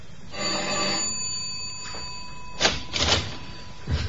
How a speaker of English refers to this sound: It doesn't take long to race upstairs to a third floor apartment. Ring the doorbell.